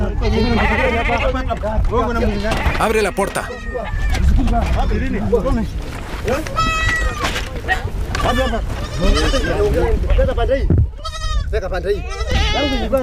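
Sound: goats bleating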